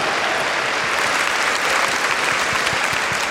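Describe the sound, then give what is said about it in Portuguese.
A crowd at a temporary sanctuary claps steadily for a few seconds, applauding everyone who helped, a dense, even wash of many hands with no voices rising above it. “Uma salva de palmas a todos que ajudaram.”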